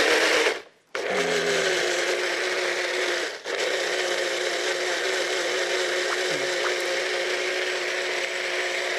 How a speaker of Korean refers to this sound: 오늘 물 대신에 살구 즙을 넣을 거예요. 아, 물 대신에? 네, 믹서에다가 이걸 예. 갈으려고 그래요. 갈아볼까요, 그럼? 네, 눌러.